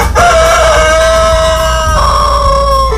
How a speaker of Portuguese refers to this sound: Pode voltar a dormir, papudo. Mais uma horinha de puleiro pra você aí, depois dessa apresentação, né? Esse é o galo que canta mais espichado aqui no sul do mundo, tá bem?